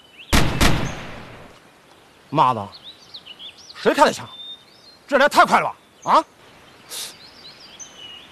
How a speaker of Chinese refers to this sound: 妈的，谁开的枪？这来太快了吧！啊， 不对，枪声在西面， 这会不会是武工队的呀？